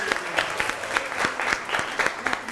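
A burst of applause from a small group, steady overlapping claps at a moderate level, with a few louder individual claps standing out and no talking.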